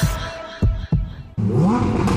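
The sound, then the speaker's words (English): A car engine idles with a deep rumble, a couple of quick throttle blips punctuate it, then it revs up loudly with a rising roar, with no voices. “Rev those savings engines and rush into Briscoe's”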